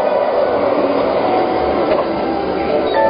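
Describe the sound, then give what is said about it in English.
A magnetic hover train glides past with a steady, dense mechanical whir and rush, loud throughout, with faint rattling ticks layered in and no voices. “Of course, your smart home has already booked you a ticket on the magnetic hover train while you relax and enjoy a beautiful view of the future.”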